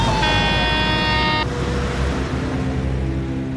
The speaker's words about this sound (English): Stop the truck! He's not stopping. He's gonna hit us.